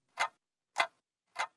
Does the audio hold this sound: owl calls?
no